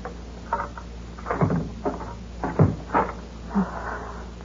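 A door is unlocked and opened: a series of sharp clicks, rattles and knocks from the key and latch, spaced irregularly over a few seconds, with no voices.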